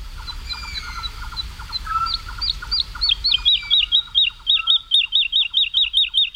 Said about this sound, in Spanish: Y la totobía está, es una alondra, la alondra de bosque, la totobía está volando arriba, aleteando frenéticamente y cantando. Es como si nosotros pudiéramos correr y cantar a la vez sin jadear.